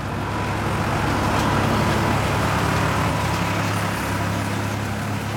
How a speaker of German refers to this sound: Die Wiese ist frisch gemäht. Die Bäuerin auf dem Traktor wendet das Heu.